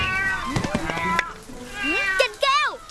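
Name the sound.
cat meowing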